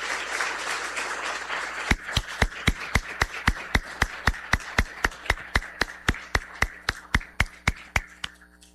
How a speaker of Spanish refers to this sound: Vamos a brindar a todos los padres de familia presentes un sincero aplauso de felicitación en este día.